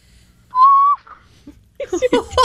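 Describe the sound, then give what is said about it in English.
A person imitates an elephant trumpet with one loud, high, steady squeal lasting about half a second, followed by a soft blip and then bursts of talking or laughter. “That was an elephant that saw a mouse, I'm thinking.”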